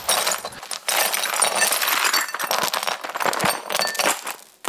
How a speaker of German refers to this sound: Aber irgendwie mag ich das Geräusch auch. Wie die Scherben so klimpern.